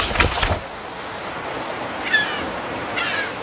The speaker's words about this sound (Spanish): Así que cierra tus ojitos e imagina que estás en medio del océano.